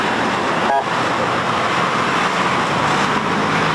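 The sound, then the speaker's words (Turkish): The official convoy carrying the Belgian head of state and delegation rolls past along a cleared route in Ankara, Turkey, a dense, steady roar of engines and tyres on the road that stays loud throughout, with a brief tonal blip near the start. “Şu anda Belçika Devlet Başkanı ve beraberindeki heyetin bulunduğu konvoy güzergahtan geçiş yapıyor.”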